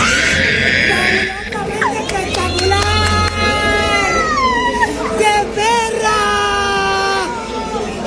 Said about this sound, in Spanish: Bueno, y cuando la perversa ve a Sadie, se emociona tanto, pega un grito. Vamos a escucharla, mira.